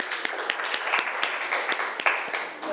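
A class of students applauding a classmate's answer, a dense patter of many claps with sharper individual hits popping out roughly every quarter second, holding a fairly even loudness throughout.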